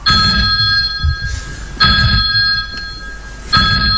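A telephone rings in three evenly spaced bursts, each a bright, trilling electronic ring, fairly loud over a low background rumble, with no one speaking.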